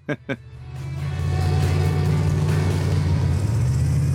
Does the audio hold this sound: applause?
no